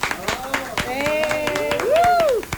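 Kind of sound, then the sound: crowd, studio applause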